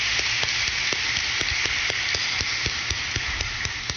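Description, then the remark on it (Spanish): An audience at a Eucharist applauds a girl celebrating her 15th birthday: a steady, dense wash of hand claps with sharper claps cutting through at a fairly even pace, loud and continuous for the whole stretch with no talking. “Vamos a darle un fuerte aplauso a ella en sus 15 años.”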